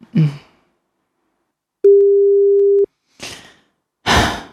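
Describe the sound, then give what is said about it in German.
A single steady telephone ringing tone sounds for about a second, clear, between nervous breaths and a heavy exhale; nobody picks up and no one speaks. “Ach, Gott sei Dank keiner da. Das ist gut, da können wir wieder auflegen.”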